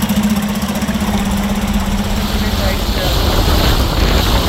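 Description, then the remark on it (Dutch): A motorboat's engine drones steadily, a low humming throb with a broad rushing wash of water and wind over it, continuous and loud throughout. “Soms rijdt hij ook wel iets te hard. Hij rijdt op het water. Ja, vaart, sorry.”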